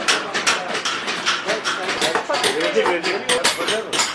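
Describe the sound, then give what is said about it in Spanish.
Busy bazaar din in Urfa under scorching sun: a steady wash of overlapping crowd chatter with frequent metallic clinks and clatters, like pots and wares being handled, running loud and continuous throughout. “El sol abrasador y los bazares, todo es un derroche de olores, colores y ruido.”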